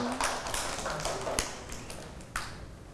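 A group of children clapping, a quick uneven patter of light claps that swells and fades over a few seconds with faint voices underneath.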